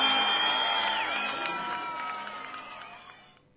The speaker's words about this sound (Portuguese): Aplausos